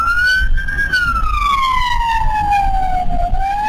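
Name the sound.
ambulance siren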